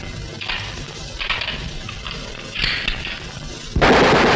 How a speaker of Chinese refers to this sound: 什么？ 打枪！